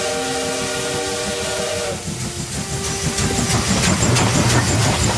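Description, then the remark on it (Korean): A steam train's whistle sounds steadily for about two seconds, then gives way to a loud, rushing hiss of steam and chuffing machinery that grows stronger, with no voices. The train carries salt from salt fields to Incheon Port. “염전에서 생산된 소금을 싣고 인천항으로 달려가는 기차를 하염없이 바라봤다.”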